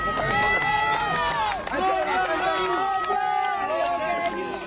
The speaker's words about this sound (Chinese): 救援人员用担架将男子缓缓抬出，现场爆发阵阵欢呼。